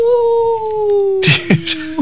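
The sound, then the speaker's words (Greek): A person imitates a wolf howl with one long, steady vocal tone that slowly sinks in pitch, followed by a few short, breathy, broken bursts of voice. “Λύκος.”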